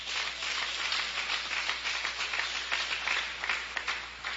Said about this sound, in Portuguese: Palmas para Jesus.